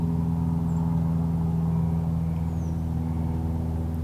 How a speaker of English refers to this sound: After the drone of the airplane engine fades away, the American Robin's evening song begins to be heard.